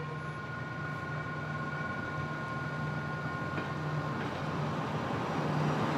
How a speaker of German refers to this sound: Las Piedras wurde vor 140 Jahren eröffnet als erster Bahnhof im Landesinneren. Von hier fährt der Triebwagen wieder nach Montevideo zurück.